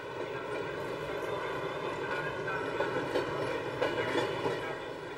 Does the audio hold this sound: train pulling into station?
yes